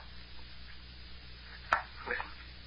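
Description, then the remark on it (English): Two light taps on a door, a sharp crisp knock followed moments later by a softer, duller one, over a faint steady hum with no voices. “They're tapping on the door again.”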